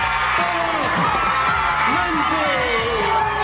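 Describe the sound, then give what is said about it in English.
A large crowd of middle school students and faculty cheers and whoops loudly and continuously, shouts overlapping and echoing in a school gymnasium in Arizona, gathered to surprise and honor their math teacher. “And so I was screaming, yelling, high fives.”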